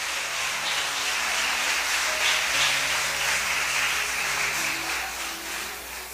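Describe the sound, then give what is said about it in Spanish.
An audience applauds for Jesus Christ during an evening Spanish-language sermon, in a steady, dense wash of clapping that lasts several seconds, with a soft sustained low musical tone underneath and no speech. “Le damos un aplauso a él en esta noche, hermano.”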